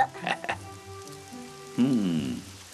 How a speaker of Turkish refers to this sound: Hele şu yağmur dinsin de, bakarız çaresine.